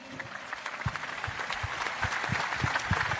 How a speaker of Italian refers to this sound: Dedichiamo un pensiero e anche un applauso a Franco Baresi.